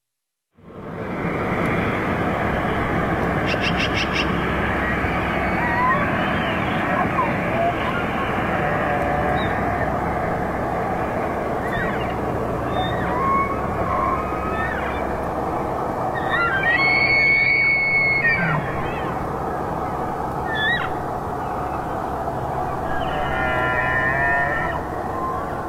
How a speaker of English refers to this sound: The sounds of elk vocalizations during their fall migration.